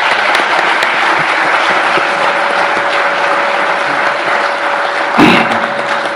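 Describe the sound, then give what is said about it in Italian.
Steady audience applause for the staff who worked on the report, at the presentation of the 38th Eurispes report: a dense crackle of many hands clapping at an even loudness for several seconds, with a faint constant hum underneath and a brief thump near the end. “E vi ringrazio e vi chiedo l'applauso per tutto lo staff di Rischio che ha lavorato.”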